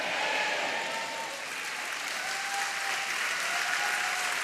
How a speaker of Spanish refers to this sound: Vamos, dele palmas. Dele palmas, dele.